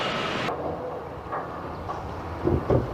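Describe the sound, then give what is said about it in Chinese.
A remotely detonated test blast of electronic explosives packed into drilled holes, at an excavation for a new channel beside the Three Gorges project, rumbles in a heavy, low roar. A bright hiss cuts off early, the deep rumble rolls on steadily, and two dull thumps of falling debris come near the end. “记者记录了一次爆破试验，工人们开挖孔洞，填装入电子炸药，按照规范施工后远程操控爆破。”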